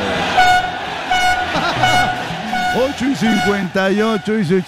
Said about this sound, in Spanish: Ay, ay, ay, pásame la bocina de los panaderos, caray.